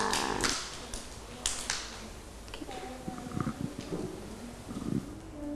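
Children clap their hands in a short, uneven burst of applause, then a second brief flurry follows before it fades to quiet room noise with faint voices in the background.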